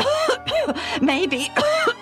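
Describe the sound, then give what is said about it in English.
A voice acts out a man's run of coughs and throat clearing as he tries to speak, four or five rough, voiced bursts in quick succession, fairly loud, with no other sounds around them. “I think, he started to say, but then he coughed again.”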